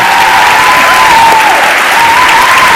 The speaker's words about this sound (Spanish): Estáis aplaudiendo. Aplaudís a un muchacho que hace el intermitente.